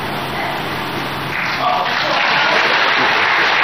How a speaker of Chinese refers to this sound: 别着急鼓掌，鼓掌的机会在后面。